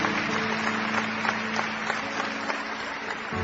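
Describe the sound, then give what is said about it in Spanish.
Steady applause from a large church audience clapping in praise to God fills the whole stretch, dense overlapping claps at an even level with no voices standing out. “Y todos le damos a Él aplausos.”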